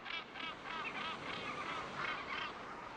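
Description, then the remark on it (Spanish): A dense chorus of seabirds calling from a sea-cliff colony on the coast of Scotland, harsh honking cries overlapping continuously at a steady loud level, with a constant background wash and no voices. “Los acantilados de Shella, de la costa de Escocia, están hechos a medida para las aves marinas.”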